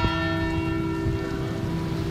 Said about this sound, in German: Genau, die Glocken der Pauluskirche.